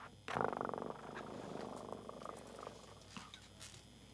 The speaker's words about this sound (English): Oigo a mi gato ronronear.